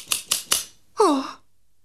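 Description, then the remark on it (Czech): Three quick, crisp scissor snips in an even rhythm, fairly loud, followed by a short squeaky, falling tone before silence. “Mám nůžky.”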